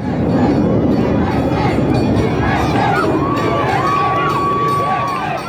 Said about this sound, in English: Cheering and chanting USA, tens of thousands of locals and visitors gathered along Park City's Main Street for the town's annual 4th of July parade.